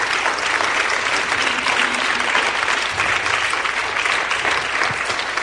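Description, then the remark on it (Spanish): An audience claps together for the Lord in loud, sustained applause, a dense steady patter of many hands that holds its level for several seconds without a break. “Están aplaudiendo por el Señor, ¿verdad?”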